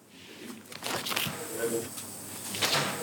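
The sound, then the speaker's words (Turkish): Plastic car door sill trim is pried loose, with scraping, creaking and a few sharp clicks as the clips let go over a few seconds. “şu kapı eşik kaplamalarını şimdi sökersem bu pek de roket bilimi değil.”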